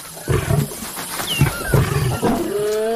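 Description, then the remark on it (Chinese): A lion roars a challenge in a series of deep, loud, rumbling bursts, each rising and falling, with faint bird chirps above and no voices. “安斯听到了宣战的狮吼声，他引发了一场冲突，这场冲突可能会给他原本的狮群带来严重的后果。”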